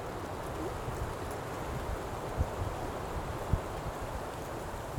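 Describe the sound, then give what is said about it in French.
Steady wind hisses and rustles through the branches of a fir forest out in nature, a soft continuous wash of noise with low gusty rumble and a couple of faint thumps, no voices. “le vent là qui bruisse dans cette sapinière?”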